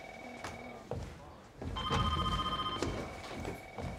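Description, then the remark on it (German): A telephone rings twice, each ring a steady, bright tone lasting about a second, with background noise and brief bits of voices between and beneath the rings. “An das, was klingelt.”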